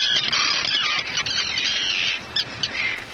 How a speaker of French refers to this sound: Les cris des sternes Pierre-Garin, qu'on appelle aussi hirondelles de mer. Beaucoup de ces oiseaux migrateurs viennent nicher en Suisse romande